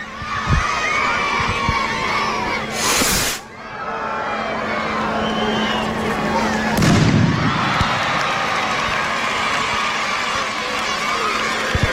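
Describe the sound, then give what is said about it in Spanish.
A festival rocket marking the official start of the San Fermín Chiquito fiestas, its fuse lit while several people hold it, goes off with two sharp bursts, a whooshing crack and then a deeper bang, while a big crowd shouts and cheers loudly throughout. “Agarra y ya están poniendo la mecha.”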